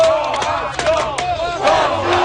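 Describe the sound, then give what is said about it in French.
A loud crowd of Montreal Canadiens hockey fans at a game in Buffalo cheering and chanting together, a dense roar of many voices with shouted rising and falling calls, sustained steadily throughout. “Ils étaient un peu moins nombreux qu'à Montréal, mais les partisans du Canadien présents à Buffalo ont su faire entendre leur voix.”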